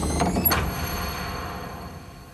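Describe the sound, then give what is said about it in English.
A heavy temple door scrapes and thuds shut as it is closed and sealed, a short, loud grinding burst near the start, followed by a low rumbling reverberation that slowly fades away. “Close and seal the door of this temple!”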